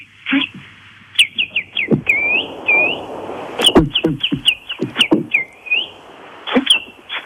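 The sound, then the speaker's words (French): A man whistles, imitating blackbird calls with a quick, irregular run of short rising and falling chirps over a soft rustling background, with no talking. He calls birds in the morning by a large hedge around a residential property, to feed them crumbs. “De ma venue vers vous, c'est que le matin, on a une grande haie autour de la propriété, la copropriété, et moi j'appelle les oiseaux, je leur donne des miettes. Alors, je les appelle comme ça.”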